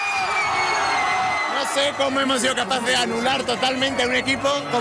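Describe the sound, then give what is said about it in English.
A large crowd of football fans celebrating their team's win over Argentina cheers and shouts continuously, many voices overlapping in a loud, dense roar with excited whoops rising above it. “as fans leapt and shouted around him.”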